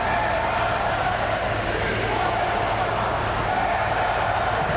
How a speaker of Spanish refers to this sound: Anteriores se han escuchado abucheos e insultos a la llegada del presidente.